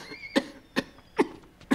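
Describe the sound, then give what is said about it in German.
Four short, sharp coughs spaced roughly evenly apart, each a brief harsh burst, moderately loud, with quiet between them and no talking. “Darf man jetzt nicht einmal mehr husten?”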